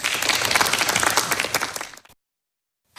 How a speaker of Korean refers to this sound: 박수로 맞아주십시오.